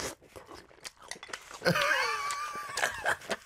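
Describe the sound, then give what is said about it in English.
Soggy food being bitten and chewed: a few soft, wet clicks, then a louder stretch of squelchy, squeaky crunching that fades out in short bursts. No one speaks. “Because when you're crunching into it, let me give you one. I apologize if you don't like the sound of just sogginess, but here we go.”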